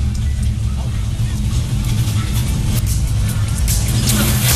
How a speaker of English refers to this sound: Whoa, we got the 69 Chevelle. That's a loud car.